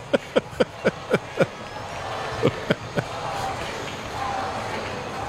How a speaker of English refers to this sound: Crowd chanting, Ozzie.